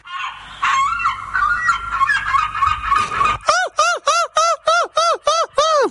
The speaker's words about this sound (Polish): Jesteśmy, proszę Państwa, na wyjeździe w moich rodzinnych stronach. W Trójmieście, jak słyszycie, otaczają nas mewy.